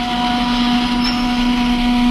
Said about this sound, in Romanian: Auziți? O sirenă.